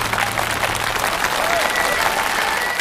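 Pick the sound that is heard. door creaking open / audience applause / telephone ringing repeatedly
audience applause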